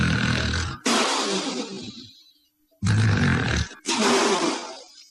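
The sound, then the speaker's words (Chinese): A storyteller's voice imitates the heavy, thunderous snoring of a dead-drunk man sprawled asleep: four loud, rough, rumbling bursts in two pairs, each harsh snore ending in a gusty exhale, with a short quiet gap between the pairs. “郑梦雄啊，喝得烂醉如泥，在那儿躺着，四脚拉叉，正打呼噜呢，打的那个呼噜像雷声一样，这叫吹破天的呼噜。”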